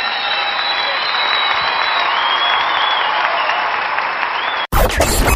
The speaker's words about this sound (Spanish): Pero en este caso, en vivo. El aplauso para ustedes.